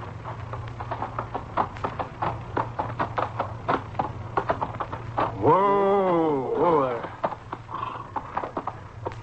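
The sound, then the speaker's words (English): Horse hooves clip-clop in a steady, unhurried rhythm as a horse arrives home at a camp, with a loud whinny breaking out partway through over a low constant hum. “You're home, horse. Come on, boy. Let's go in and shine.”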